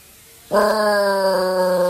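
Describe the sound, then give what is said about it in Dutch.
A dog, Smokey, howls along with the outdoor air-raid siren during its test on the first Monday of the month. A loud, steady, harmonic-rich wail starts abruptly after a short quiet moment and holds its pitch to the end, with no talking. “Luister maar, als je goed luistert, hoor je ook het luchtalarm.”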